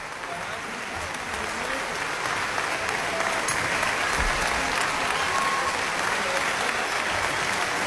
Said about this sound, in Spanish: Aplausos en todas las secciones de la orquesta.